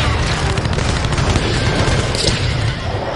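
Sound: cannon firing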